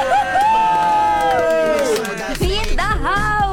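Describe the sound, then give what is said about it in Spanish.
A crowd in a radio station booth in Guadalajara shout and whoop together in welcome, a loud, continuous burst of cheering, their overlapping cries rising and falling in pitch for a few seconds. “Así que demos la bienvenida como se merecen, con el grito y toda la onda, porque la cabina está llena de santos bravos.”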